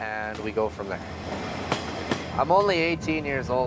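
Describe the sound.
A train rolls along on rails with a steady rumbling noise, two sharp clacks from the track, and tonal, voice-like wavering sounds that rise and fall over the rumble.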